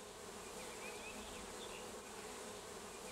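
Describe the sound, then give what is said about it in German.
A steady, dense drone of many honeybees buzzing around a hive, continuous, with no voices over it. “Damit platzt ein Bienenvolk schnell aus allen Nähten und teilt sich.”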